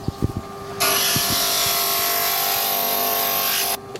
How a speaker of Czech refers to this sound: Vlastně si to zhruba připravím a potom to budu ještě brousit, aby nám to krásně zapadlo k těm ostatním dílkům. Takže se to bude brousit na brusce. Teď přecházíme k brusce.